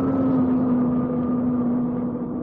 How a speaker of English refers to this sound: Plane's coming to a halt.